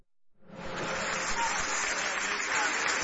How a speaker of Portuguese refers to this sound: Vamos recebê-la, ai, ai, ai, com aplauso bem forte para Jesus